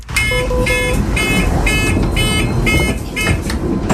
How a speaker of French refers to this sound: Mais c'est aussi une question à poser. Pourquoi, effectivement, ce bip sonore, est-ce que ça pourrait un peu se régler ?